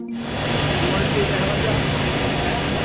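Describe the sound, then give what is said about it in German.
The engine of Trump's helicopter, which he is showing to Xi, drones loudly and steadily, a dense mechanical roar with a high whine on top that rises quickly at the start and holds for about three seconds. “Trump zeigt Xi seinen Helikopter, weicht abermals vom Protokoll ab”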